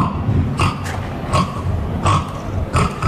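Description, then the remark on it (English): A person's voice imitates a pig, the winning entry of an annual pig squealing competition, giving four loud, rough, snorting squeals at a steady rhythm, each short burst separated by brief pauses over a low rumbling background. “Unfortunately, there is no Kent representation here, but the winning pig squeal is...”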